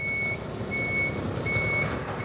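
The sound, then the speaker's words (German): A fire engine's turntable ladder extends in Saalfeld over a steady low engine and hydraulic rumble, while a high warning tone beeps three times at an even, unhurried pace. No voices are heard. “Dann die Drehleiter ausgefahren.”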